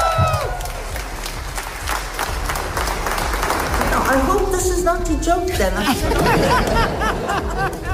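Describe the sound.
Steady, dense applause from a large crowd at the Nobel Peace Prize ceremony, for the laureate receiving the prize, fills all eight seconds, loud and continuous, with scattered cheers and excited voices rising through the clapping in the second half.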